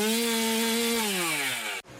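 A chainsaw engine runs loud, holding a steady buzzing whine before its pitch sags slightly, then cuts off abruptly near the end.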